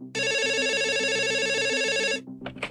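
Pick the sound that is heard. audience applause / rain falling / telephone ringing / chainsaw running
telephone ringing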